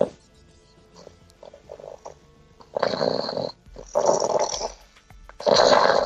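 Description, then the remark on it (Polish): A man snores heavily in his sleep, three loud, wet, gurgling rasps following one another after a few quiet seconds, with no talking. “Został tylko chrapiący psycho.”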